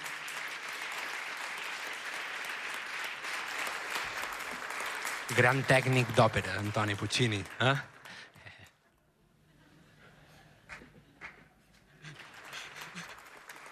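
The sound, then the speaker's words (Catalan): An audience applauds steadily at a live concert in the Teatre Principal in Palma, a dense patter of clapping that fades out, while a man speaks over the middle of it and scattered claps return near the end. “Val aplaudir xistes, també.”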